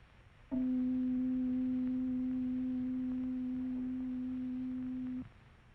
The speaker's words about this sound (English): Next, let us consider pitch, the auditory effect of frequency. First, we hear the sound of middle C.